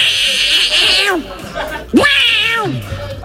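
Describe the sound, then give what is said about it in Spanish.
A man, the commentator for Daganzo's matches, imitates a cat with two loud, drawn-out meows, each pitched high and strained before sliding downward, separated by a short pause. “Para empezar, pues imita a un gato.”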